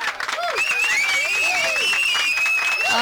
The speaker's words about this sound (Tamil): So எல்லாருக்குமே ஒரு மிகப்பெரிய கைத்தட்டல் நம்ம கொடுத்துடலாம்.